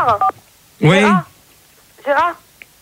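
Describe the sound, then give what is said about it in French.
Three short, tonal beeps in an uneven rhythm, fairly loud, with bending pitch that suggests a voice imitating telephone dialing tones rather than a real keypad. “Mais oh, téléphone.”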